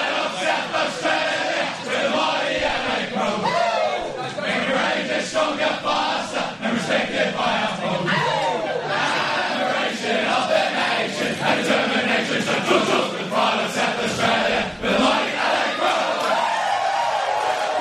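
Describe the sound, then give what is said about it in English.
A large crowd of travelling Adelaide Crows supporters at the SCG in Sydney sings their team song together after a 16-point win, a loud, steady mass of voices with rising and falling chanted melody that carries on without pause. “so we'll get the team song in just a moment.”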